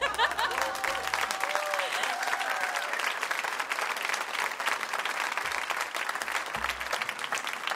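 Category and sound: crowd, audience clapping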